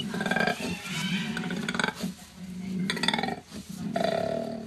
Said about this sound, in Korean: 아니, 엄청 크게 큰 동물이 우는 소리 같은데요? 그러니까 약간 호랑이나 약간 멧돼지. 지금까지 알고 있던 코알라의 인상이 확 바뀔 것 같은데. 코알라? 코알라 소리요? 네, 코알라 소리입니다. 코알라가 으르렁거려요? 네, 코알라.